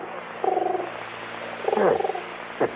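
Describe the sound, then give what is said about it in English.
A pigeon on a windowsill, looking for food, coos twice in low, throaty warbles, the second call longer and sliding downward, followed by a brief soft tap, with no one speaking. “How about that? Pigeon on the windowsill.”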